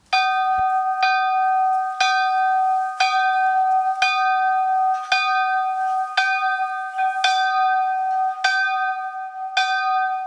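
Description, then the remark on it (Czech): A small village chapel bell rings steadily, its bright strokes landing about once a second, each clang overlapping the last so the tone hums on continuously. No voices. It is the village bell in the chapel tower at Šejby, Novohradské hory, South Bohemia, cast in the 1940s, strike tone G3, 36 cm diameter, about 35 kg. “Tak takhle zní obecní zvon z návesní kaple v Šejbech.”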